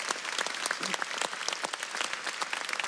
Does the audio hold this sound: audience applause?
yes